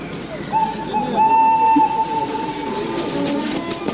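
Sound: train moving on rails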